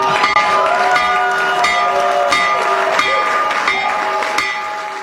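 A stock market opening bell, rung by President Trump, rings continuously in rapid repeated strikes, its sustained metallic tones layered with a murmur of crowd noise beneath, steady for about five seconds before easing slightly at the end.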